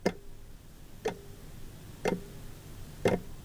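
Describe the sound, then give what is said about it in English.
A clock ticks steadily, four evenly spaced ticks about one second apart, each with a faint resonant ring, fairly quiet against a soft hush. “The early morning routine is slick, but endlessly tiring, and always the clock ticks on.”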